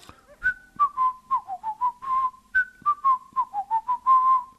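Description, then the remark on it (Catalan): Someone whistles a short, simple little song, the phrase played twice with clear, steady notes and no talking. “Ahir a Bontes, per se donar un poc de coratge i per pas s'endormir, va començar de xiular una cançoneta que l'Anton li havia après.”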